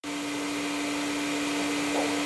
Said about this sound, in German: Ob der Sound des laufenden Staubsaugers suggeriert, dass eine Person, eben die Staubsaugende, in der Nähe sein muss und das Kind also nicht alleine ist?